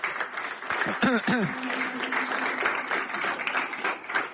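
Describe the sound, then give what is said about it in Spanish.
A crowd applauds Fidel steadily, a dense wash of many hands clapping that holds at an even level throughout, with a brief voice rising over it early on. “Un aplauso para Fidel, vale.”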